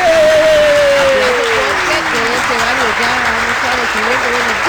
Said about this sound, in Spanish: ¡Aplausos!